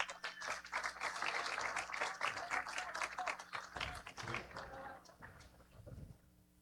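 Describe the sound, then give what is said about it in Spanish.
An audience in Sombrerete applauds to welcome the municipal president of Sombrerete, Ramiro Hinojosa Aguayo, as he is invited to give his welcome message: dense, steady clapping from many hands that holds strong for several seconds, then thins out and fades toward the end. “Fuerte el aplauso y bienvenido.”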